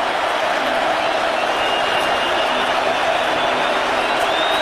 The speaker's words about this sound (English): And the crowd comes to full throat here at U.S. Bank Stadium.